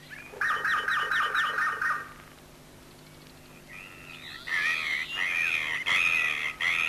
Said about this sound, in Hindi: तोते? हाँ मैना।